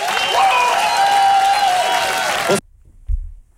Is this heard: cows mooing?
no